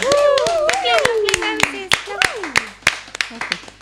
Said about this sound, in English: Yeah, big up to the rose. Can we have a big applause or some kind of appreciation in the room for the rose?